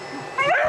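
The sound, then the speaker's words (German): A small explosives-detection dog gives a brief, high-pitched whimpering yelp, rising in pitch and lasting well under a second, with faint background noise around it. “Dieser kleine Hund hat wirklich große Aufgaben.”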